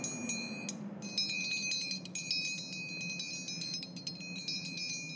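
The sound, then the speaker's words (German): A steady, rushing wind blows throughout while high, bright bells ring and chime over it, struck repeatedly in an irregular rhythm with ringing tones that overlap and linger. “Hier, es geht jetzt mit Wind los und Glocken.”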